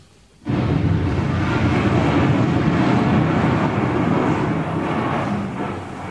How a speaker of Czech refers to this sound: Naštěstí má doktor Hedvábný neustále po ruce svůj oblíbený magnetofon Sonet Duo. A díky tomu máme na věčné časy zachován zvukový snímek onoho historického liptákovského výbuchu. Prosím o jeho spuštění.